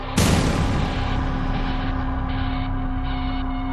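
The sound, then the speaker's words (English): A single sharp gunshot on video footage cracks out near the start, followed by a long echoing tail that fades slowly over a steady low electrical hum, with no voices. “After that female scream, I heard 2 gunshots. And then there was a 6-second pause, and I heard a 3rd and final gunshot.”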